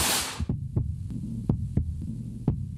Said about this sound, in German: Das ist das Herzrasen eines Soldaten im Gefecht. Irgendwo an der 1000 Kilometer langen Front in der Ukraine.